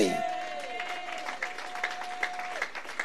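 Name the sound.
audience clapping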